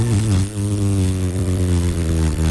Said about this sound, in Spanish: Suena espectacular mi moto.